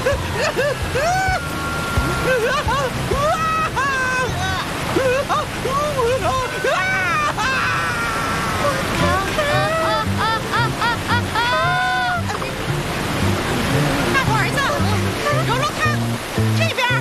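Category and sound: nature, roaring waterfall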